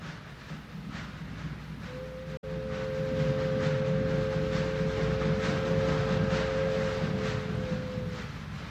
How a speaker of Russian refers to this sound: Граждане пассажиры, забирайте вещи, подходит поезд. Скорее, скорее, он остановится там, ну подбирайте.